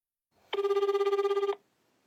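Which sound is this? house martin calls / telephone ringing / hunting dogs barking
telephone ringing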